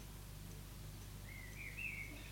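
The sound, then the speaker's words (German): A common blackbird sings faintly on a morning in Leipzig, one short fluting phrase rising near the end, over a steady low rumble of outdoor background noise. “Hör ich mal, pass auf, hört euch die kleine Amsel, hört mal, ob man das hört.”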